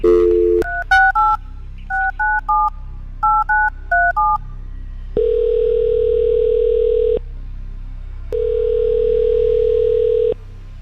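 A rapid series of touch-tone beeps as a phone number is dialed in short bursts to call a ticket giveaway winner, followed by two long, steady ringback tones separated by a pause.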